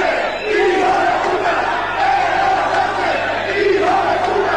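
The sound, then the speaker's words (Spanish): A large crowd shouts and chants in unison at the arriving president of Spain, Pedro Sánchez. It is a loud, dense roar of many voices with rising and falling rhythmic cries that carries on without a break. “En todos lados que va le gritan, en el estadio también le gritaba.”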